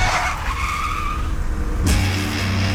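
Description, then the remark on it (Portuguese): A loud car skid: tires squeal in a long, wavering screech over engine rumble, then a sudden burst of noise as a deeper engine drone takes over. “E ó, dirige direito esse carro aí, porque não cabe mais ninguém aqui.”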